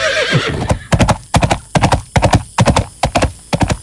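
A horse whinnies at the start, then hooves clip-clop in quick, steady triplets of sharp, loud knocks along firm ground as a rider mounts the horse and spurs it to run.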